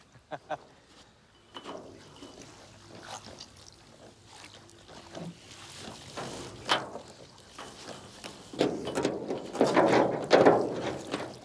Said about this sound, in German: Jetzt hole ich die sogenannte Stertleine mit dem Ruder hoch. Da ist sozusagen die Reuse am Boden festgemacht.